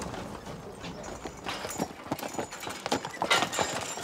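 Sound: horses' hooves clip-clopping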